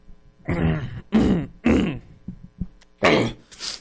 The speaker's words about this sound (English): I gotta clear my throat.